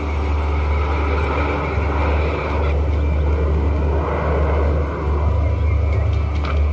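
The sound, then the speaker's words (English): A steady, loud engine drone fills the scene, a low broad rumble like an aeroplane passing overhead, holding constant throughout with no voices. “There's another aeroplane!”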